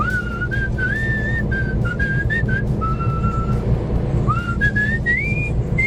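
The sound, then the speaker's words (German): A person in Jülich cheerfully whistles a bright, bouncy melody from the film Die rechte und die linke Hand des Teufels, notes sliding and stepping upward in short phrases, heard clearly over a steady low rumble of background noise. “pfeift fröhlich vor sich hin.”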